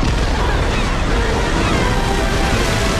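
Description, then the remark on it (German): Sea water churns and sloshes loudly and steadily for the whole stretch, a dense wash of splashing as the characters Gru and Lucy surface beside a freighter. “Unterdessen haben Gru und Lucy den Frachter erreicht und tauchen auf.”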